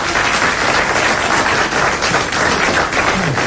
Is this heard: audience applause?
yes